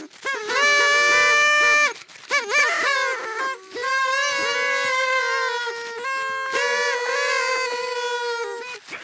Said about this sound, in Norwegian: Yes, vi har sånne tutere.